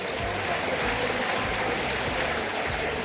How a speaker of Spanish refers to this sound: Se retira Boca, se retira Central Córdoba. Los aplausos en la Bombonera para el Xeneize.